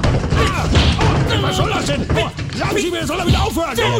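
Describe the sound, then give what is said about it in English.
Repeated dull thuds of punches landing on a body, loud, mixed with strained grunts and shouting voices throughout a busy, chaotic scuffle. “he is not impressed at all with punching like a little girly.”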